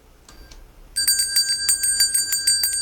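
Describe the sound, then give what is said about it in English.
A bell rings loudly and rapidly in a continuous trill, with no talking, after a couple of faint, brief dings. “So next hour, you got to be listening, because at some point in the hour, you're going to hear the sound of the bell.”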